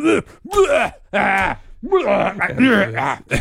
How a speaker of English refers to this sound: Gotta clear the throat. Yeah, clear your throat. The allergies get to me.